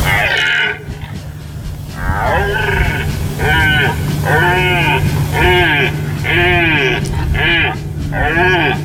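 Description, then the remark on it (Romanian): Stags calling in a rapid, steady series of about nine nasal, bleating cries, each rising and falling in pitch, fairly loud over a constant low hum. “Dar să nu uităm totuși că, în general, ați văzut, spune comunicatul, sunetele astea sunt de la cerbi.”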